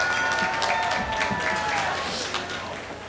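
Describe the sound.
A crowd at a graduation ceremony applauds a graduate as names are read out, with dense, steady clapping mixed with cheering voices and a few whistles, holding loud for about three seconds before easing slightly at the end.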